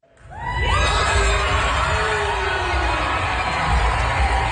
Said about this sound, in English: The cheering is for this year's Polaris Prize winner.